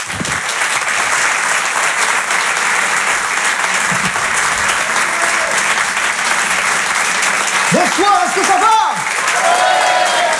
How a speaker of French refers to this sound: Je vous demande de l'encourager, de l'applaudir très fort.